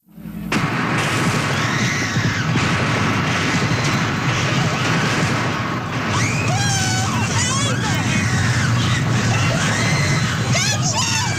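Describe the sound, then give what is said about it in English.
In rural Kentucky, a man working for a coal company opens fire on striking miners: a chaotic crowd yells and screams continuously, including a shout of "Don't shoot," with rising and falling shouts layered over scattered sharp bangs of handgun fire, all loud and dense for the whole stretch. “Gunfire in rural Kentucky. A man working for a coal company opens fire on striking miners, and as he drives past Koppel's film crew, he points his handgun right at the camera.”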